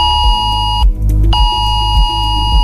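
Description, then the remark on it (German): A loud, steady electronic warning tone from many phones, a cell broadcast emergency alert in Germany's nationwide warning day test, triggered at 11 a.m. by the Federal Office for Civil Protection, between Chiemsee and Königssee in Traunstein and Berchtesgadener Land districts; a harsh multi-pitched alarm that cuts out briefly and resumes, with low pulsing beneath it. No one speaks. “Auch zwischen Chiemsee und Königssee haben vor etwa einer halben Stunde plötzlich viele Handys Alarm geschlagen.”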